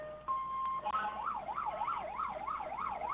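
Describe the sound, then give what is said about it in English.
A White-brand Mendocino Fire Department fire truck's siren sounds loud as it passes in a parade, starting with a brief steady tone before breaking into a fast, repeating rise-and-fall warble. No one speaks over it. “This will be loud. Led off by, of course, Mendocino's white fire truck.”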